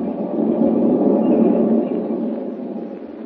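A westbound passenger train rolls steadily along the rails, a continuous deep rumble with a rattling churn, loud, holding nearly even before easing slightly toward the end. No voices.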